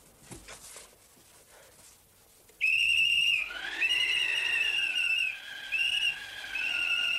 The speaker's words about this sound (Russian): Кто свистел? Я!